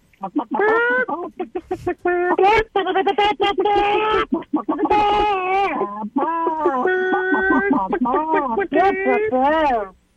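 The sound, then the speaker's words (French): A caller on a phone-in contest imitates a clucking hen for about ten seconds, with loud, rapid, choppy bursts of nasal clucks and drawn-out squawks that rise and fall in pitch. “Allô, allô, allô, allô, allô, j'ai mes poules. Parlez-moi en poule!”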